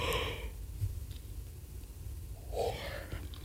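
A person yawns, a long breathy exhale at the start, then a quiet pause before a second drawn-out, voiced yawning breath rises and fades.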